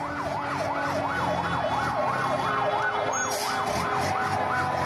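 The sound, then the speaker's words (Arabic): Ambulance and civil defense vehicle sirens wail steadily as the vehicles arrive at the Al-Hijaz area near the Palace of Justice in Damascus, Syria, after an explosion; a loud rising-and-falling tone cycling rapidly, with another siren layered in, over a constant rumble of street traffic. No one speaks. “لسيارات الدفاع المدني وسيارات الإسعاف تصل إلى منطقة الحجاز بالقرب من القصر العدلي في دمشق”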